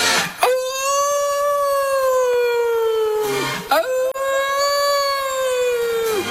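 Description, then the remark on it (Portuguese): Two long, drawn-out wolf howls follow one another, each rising sharply, holding a steady mournful pitch for about three seconds, then sliding down. They are fairly loud, with no talking. “Os lobos famentos das esteiras, raza asesina, a raza asesina dos lobos das esteiras.”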